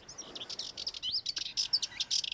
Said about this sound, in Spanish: Y entre los jardines que rodean las villas históricas resulta frecuente escuchar a la curruca cabecinegra. Nombre científico, curruca melanocéfala.